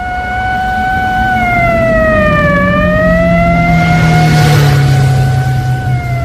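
Heavy trucks carrying captured prisoners rumble steadily down a street into the compound of a Japanese military police headquarters, their low engine drone continuous, while a loud siren wails over them, its pitch dipping and rising once.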